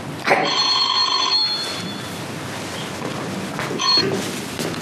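A telephone bell rings loudly, a sharp metallic trill lasting about a second, then a second shorter burst of ringing follows after a pause, with low background noise underneath.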